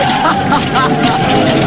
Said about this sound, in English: She skids across lanes of traffic.